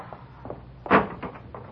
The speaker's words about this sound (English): Go out first, Pop, and open the street door.